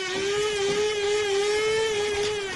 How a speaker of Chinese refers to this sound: 你这是新买的豆浆机啊？ 什么豆浆机？我这叫咖啡机。